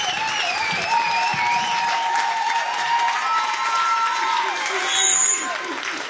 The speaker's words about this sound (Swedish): Där har vi vinnarna. P4 nästa stjärna 2026. Fortsätt gärna jubla, för de, alltså det här ska firas.